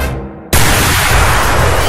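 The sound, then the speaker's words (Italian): A low rumble builds briefly, then a sudden, loud cannon blast erupts and sustains as a dense roar of noise that fills the rest of the short clip without fading. “Un cannone in spalla!”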